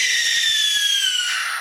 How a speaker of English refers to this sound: You might think that's a screech owl, but no, that piercing scream came wrenching from the throat of an owl with a heart-shaped face, the tawny-colored barn owl.